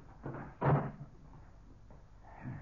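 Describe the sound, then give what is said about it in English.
A door at a mission in San Linda swings shut with a solid thud, preceded by a lighter knock or creak as it moves. A faint rustle follows. “Now, close this door.”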